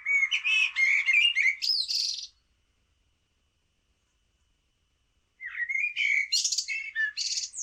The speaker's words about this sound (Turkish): Karatavuğu da dinledik. O da şehir ve parklarda çok fazla var. İstanbul dışında bütün Ankara, Kayseri gibi Anadolu bölgelerinde de park ve bahçelerin ve bağların fazla olduğu yerlerde çok fazla duyuluyor.